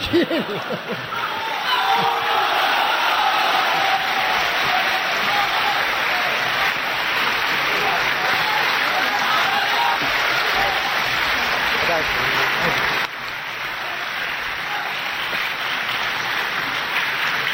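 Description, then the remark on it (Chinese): Sustained audience applause, a dense wash of many hands clapping steadily for over ten seconds, easing slightly toward the end, with a few scattered laughs mixed in. “哎呀，您这一鼓掌啊，我心里特别不舒服。”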